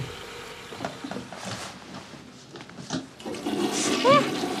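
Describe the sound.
A toilet flushes with a rushing, gurgling swirl of water that swells louder toward the end, where a brief high whistle rises over the noise. Faint voices murmur underneath.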